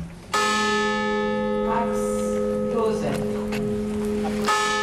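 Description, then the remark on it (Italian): A large, deep memorial bell tolls loudly at a commemoration on the site of a tragedy, part of 262 tolls accompanied by the names of the victims; its first strike rings out in a long, sustained hum before a second toll lands near the end, with faint voices murmuring beneath. “262 i rintocchi della campana accompagnati dai nomi delle vittime.”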